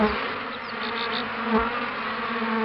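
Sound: black honeybees buzzing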